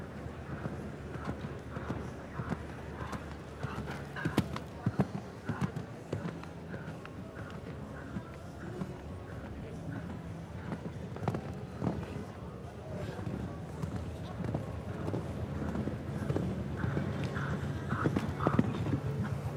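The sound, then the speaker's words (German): Steady rhythmic hoofbeats of a ridden horse cantering on a show jumping course thud along continuously over a broad, busy background, with faint voices mixed in. “besonnen reiten und dabei einfach die komfortable Galoppade auch nutzen und den Fluss drinnen behalten, so wie es beispielsweise auch Laura Klapphake oder auch Peter Suhai gelingen konnte.”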